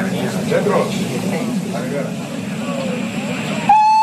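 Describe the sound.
Busy train station ambience in very heavy snow, with a low, steady rumble and indistinct murmuring voices, then a sharp, loud train whistle blasts just before the end as the train is due to leave.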